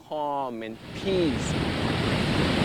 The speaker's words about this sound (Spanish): Miras las olas que te brindan calma y paz.